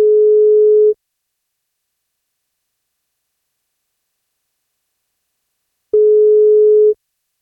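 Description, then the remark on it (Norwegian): A telephone ringback tone heard while calling a boy turning 16 today to congratulate him on his birthday: two steady, clear beeps about a second long each, separated by roughly five seconds of silence, with no voices. “Han fyller 16 år I dag, og dersom han tar telefonen, så blir det kake på.”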